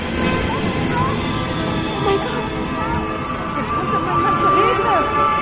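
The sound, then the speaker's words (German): A train rolls into a station with a steady rumble, while high metallic wheel squeals rise and bend repeatedly over the noise. “Der Zug fährt ein.”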